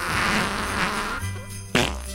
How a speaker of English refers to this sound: Squeezing the cheeks triggers continuous fart noises.